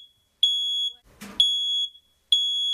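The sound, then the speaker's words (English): A smoke alarm sounds in loud, shrill electronic beeps, three long tones in an even repeating pattern with a brief noisy burst between the first two. No one speaks. “Fire and Rescue New South Wales is urging you to be fire safe this winter and have a working smoke alarm.”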